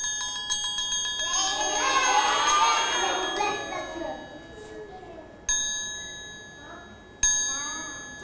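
A triangle is struck by a teacher as a rhythm signal, ringing out with bright, shimmering metallic tones, first sustaining under a brief murmur of voices, then struck twice more, each hit sharp and clear before slowly decaying.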